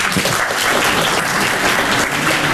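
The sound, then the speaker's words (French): A comedy show audience claps loudly and steadily, a dense wash of many hands applauding together without pause, full for a few seconds. “Applaudissez ceux qui aiment pas travailler.”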